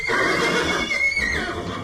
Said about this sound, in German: Pferd. Weil die auch so super süß aussehen mit ihrer Schnauze. Vor allem die Fohlen, die sehen auch total süß aus mit ihrer kurzen Mähne und ihrem kurzen Schweif. Darum liebe ich Pferde.